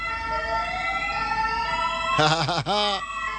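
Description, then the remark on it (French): A loud ambulance siren sound effect rises in a steady wail, then switches to a rapid warbling yelp before cutting off. No voices are heard. “Est-ce qu'on n'a pas un bruitage d'ambulance quelque part, là, Chief?”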